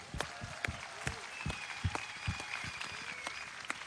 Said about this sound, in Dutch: Een enorm applaus voor deze toppers.